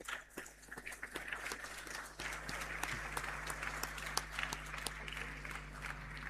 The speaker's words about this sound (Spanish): Ya está de cumpleaños, así es que más fuerte ese aplauso de gratitud por un año más de vida.